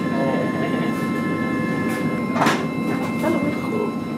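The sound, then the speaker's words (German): Steady rumble of a moving train carriage on a rail journey into central Germany, with a constant low drone, faint high tonal hums and a brief swelling whoosh midway, plus soft indistinct murmurs in the background. “Nicht zuletzt auf einer Bahnreise, die ins Mark Deutschlands führt.”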